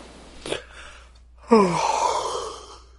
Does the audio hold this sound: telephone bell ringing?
no